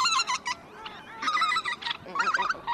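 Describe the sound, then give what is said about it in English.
A chorus of geese honking repeatedly in overlapping, nasal calls, fairly loud, in the Arctic wetlands around Tshekpuk Lake, a breeding ground for millions of birds. A busy bird background runs throughout, with no voices. “They're critical for millions of birds to breed every year.”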